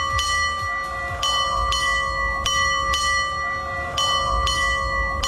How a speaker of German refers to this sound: Ja, 4 Doppelschläge und ein Einzelner. Also 9 Glockenschläge insgesamt. So wusste man früher auf dem Segelschiff, dass es jetzt gerade 8:30 ist.